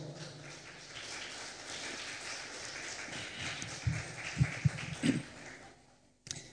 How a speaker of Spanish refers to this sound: Un aplauso, por favor.